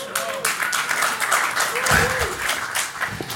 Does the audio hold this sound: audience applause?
yes